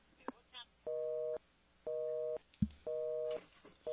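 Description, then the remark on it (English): A telephone busy signal after a dropped call repeats in steady on-off beeps, four tones about half a second each with equal gaps, fairly clear, with a brief voice fragment and a soft thump between them. “Well, maybe he'll call us back.”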